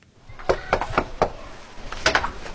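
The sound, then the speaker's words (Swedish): Four steady, evenly spaced, fairly loud knocks on a front door, followed after a short pause by a quick second burst of knocking; no one speaks. Miljöpartiet campaigners knocking on doors in a row-house area in Gottsunda, Uppsala, during the election campaign. “Miljöpartiet knackar dörr i ett radhusområde i Gottsunda.”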